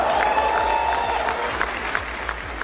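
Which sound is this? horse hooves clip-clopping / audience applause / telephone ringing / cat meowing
audience applause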